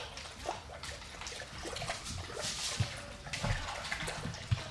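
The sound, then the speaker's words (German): Water sloshes and splashes, a continuous churning with occasional sharper splashes, as a person wades into the water of Lake Constance (Bodensee). No voices are heard. “Bodensee ist gratis. Ich gehe trotzdem rein.”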